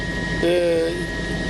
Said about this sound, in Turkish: ben şu anda helikopterdeyim. Merhum Büyük Birlik Partisi Genel Başkanı Muhsin Yazıcıoğlu'nun helikopterdeki son görüntüleri bunlardı. Ardından helikopter şüpheli bir şekilde düştü.